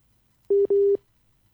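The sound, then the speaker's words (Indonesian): Two short electronic beeps at a steady pitch, the first brief and the second longer, a clear WhatsApp call-connecting tone heard alone against a quiet background, placed while calling the spokesperson of the North Aceh Regency government. “Ya, kami masih terkendala jaringan telepon dengan Pak Muntasir, ya.”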